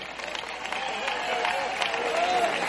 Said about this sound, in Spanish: Aleluya, hermano, levante esa cabeza y mueva esa quijada para otro lado. Dele fuerte aplauso a seis.